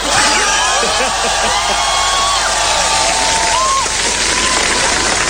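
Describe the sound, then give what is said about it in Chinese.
A loud, sustained burst of audience applause fills the space, dense clapping mixed with cheers and whoops from a large crowd, steady throughout without pause; it is the biggest applause since the show opened. “你听听观众反馈，你听听开场以来最爆发的掌声。”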